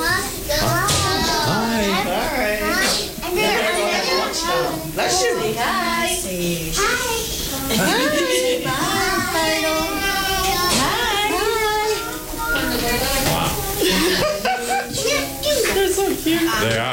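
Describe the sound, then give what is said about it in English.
A crowd of young children at a daycare chatter, squeal and call out all at once, a lively, continuous babble of small voices, with occasional light clapping. “Yeah, here goes the kiddos.”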